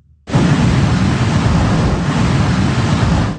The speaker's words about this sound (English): Massive waves pummeled the Outer Banks and along Virginia's coast. High surf spilled into neighborhoods.